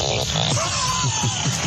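A beaver fart: a steady, buzzy, hissing sputter that runs the whole time, with low burbling pulses repeating about three times a second and a faint wavering whine. No one speaks.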